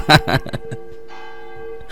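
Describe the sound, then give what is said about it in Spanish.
A church bell in a bell tower rings the second call with a few quick clangs, then a single resonant tone hangs in the air and slowly fades, with a fresh strike beginning just as the ringing dies away. “Dice, oye, ya vete al campanario a dar la segunda para que se pongan listos para cuando pase el canasto.”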